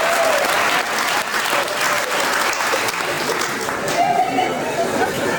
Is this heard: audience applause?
yes